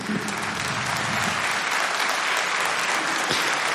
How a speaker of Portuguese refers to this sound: A salva de palmas.